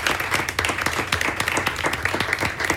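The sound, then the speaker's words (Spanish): Steady audience applause, a dense patter of many hands clapping at a fairly loud, even level throughout, with sharp individual claps poking through the wash. No voices stand out. “¿Te parece si les regalamos a ellos un aplauso, verdad?”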